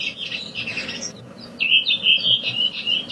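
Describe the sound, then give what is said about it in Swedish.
A redwing on Renön, outside Piteå, sings its classic dialect: a short series of bright, high descending notes, then a sustained run of thin, twittering chatter, clear and without any talking over it. “Jo, vi kan börja lyssna på en röving här från Renön där jag bor, här utanför Piteå. Den här klassiska dialekten här.”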